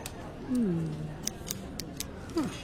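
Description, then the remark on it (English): Several small, crisp plastic clicks from a four-color pen being taken apart to see how it works, irregularly spaced, with a brief murmured voice before and after. “I'm taking it apart.”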